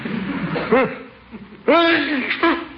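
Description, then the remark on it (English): A theatrical sneeze from a person who has caught a cold: a short voiced catch, a pause, then a loud breathy burst that trails off, followed by a smaller second gasp. “Bless you.”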